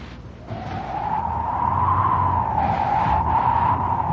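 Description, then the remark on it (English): A sustained dog whistle of the kind used to call a St. Bernard, sounding like wind whistling, starts after half a second and holds for nearly four seconds. Its pitch wavers gently up and down over a steady rumbling noise. No one speaks. “It sounded like the wind whistling.”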